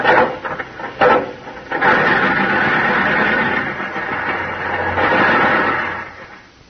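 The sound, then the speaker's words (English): A few sharp metallic clanks, then a steady rough mechanical churning as an old car engine is cranked by hand, running for several seconds before it stops. No one speaks. “Gee, honey, we've been cranking this here car for 15 minutes.”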